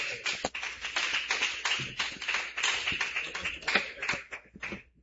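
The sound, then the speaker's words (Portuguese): A church audience applauds strongly and steadily for Jesus, welcoming a woman about to sing praise, many hands clapping in a dense, crackling wash that holds for about five seconds before thinning out at the end. No one speaks. “Recebe a serva de Deus com bastante palmas, bem forte para Jesus.”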